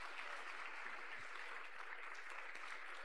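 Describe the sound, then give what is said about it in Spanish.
Sustained applause from a large standing church audience welcoming a pastor, clapping for the Lord Jesus: a dense, steady wash of many hands clapping together with no voices rising above it, moderately loud throughout. “y lo vamos a recibir con fuertes aplausos para el Señor Jesús.”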